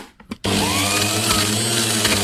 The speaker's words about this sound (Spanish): Dijo, la licuadora. ¡Exacto! ¡Licuadora!